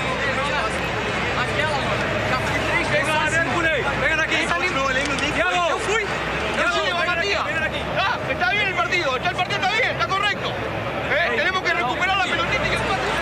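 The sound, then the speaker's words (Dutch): Dense crowd chatter in Spanish fills a stadium in Rio de Janeiro, many overlapping voices blending into a steady babble that carries on without a break for the whole stretch. “Nou, dit lijkt meer op Spaans dan Portugees, wat ik hoor. Dus, de microfoon zal waarschijnlijk staan bij het team van Rivadavia.”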